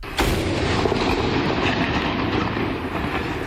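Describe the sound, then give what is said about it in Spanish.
A single loud cannon shot booms out, followed by a long, heavy rumble that rolls and echoes across open space for several seconds; the noon cannon fired daily by the Navy in Valparaíso, Chile. “En Valparaíso, todos los días al mediodía, la Armada lanza un cañonazo que indica que es la mitad del día.”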